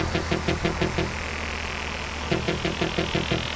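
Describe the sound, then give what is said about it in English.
A car engine drives off from a house as the streetlights come on, its steady low rumble overlaid with two bursts of rapid, rhythmic chugging pulses, moderately loud, with no voices. “As they drove off, Mark in the back seat glanced back at his house through the window, at the streetlights turning on and the trees zip-zipping away in neat pairs.”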